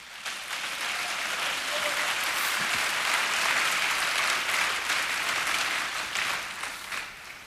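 An audience claps steadily for several seconds in praise of the Lord, a dense wash of many hands that holds loud throughout before easing slightly at the end. No one speaks over it.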